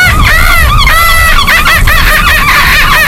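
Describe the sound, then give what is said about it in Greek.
A person imitates a seagull with loud, shrill, wavering cries repeated in quick bursts, the pitch sliding up and down through each call. “Μπορεί να κάνεις και το γλάρο.”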